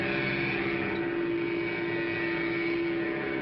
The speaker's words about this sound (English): You get your own special key. Start it like Dad's key starts his car. The remote control is up here where it belongs. Sounds like a real engine.